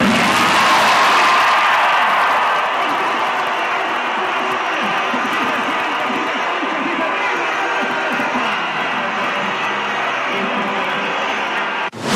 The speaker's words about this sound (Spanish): Bueno, pues ahí se escuchaba el grito, se oía a la presidenta levantarse de su asiento, ondeando banderillas, gritando con la euforia que se vivió, me parece, en general, en la población mexicana la noche del día de ayer.